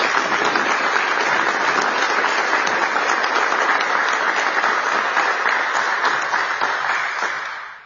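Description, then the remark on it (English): A crowd applauds steadily for everyone who made the day possible, at a New York City event attended by first responders and families of 9/11 victims: a dense, even wash of many hands clapping that holds loud for several seconds before tapering off at the end. No one speaks over it. “We thank you, and once again, a round of applause for everyone who has made this day possible.”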